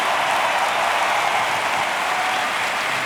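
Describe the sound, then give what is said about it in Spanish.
A crowd shouts for joy in honor of Jesus in a dense, steady roar of cheering mixed with applause, holding at the same loud level for about three seconds with no single voice standing out. “un minuto dando gritos de júbilo en honor a Jesús.”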